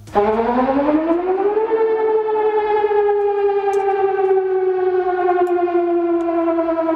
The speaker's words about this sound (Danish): Det lyder jo altid sådan lidt dommedagsagtigt. Ja. Det her, det er den, vi kunne kalde for gå indenfor sirenen. Det er altså den tone, som hurtigt stiger og falder langsomt igen. Den kommer 4 gange i træk